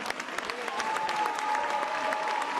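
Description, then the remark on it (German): Steady audience applause for the whole team, dense clapping spread across a wide band and holding at an even, moderately loud level, with a faint tonal hum running through it and no voices on top. “Einen großen Applaus für das ganze Team.”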